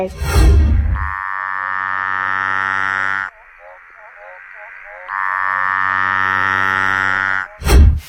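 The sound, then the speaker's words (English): Two long, loud buzzing trills from a Litoria tree frog, each lasting about two seconds, with a quieter pulsing chatter in between and brief noisy bursts at the start and end. “Okay, this one's definitely one of the Latoria frogs. Mm-hmm. So a tree frog-based frog.”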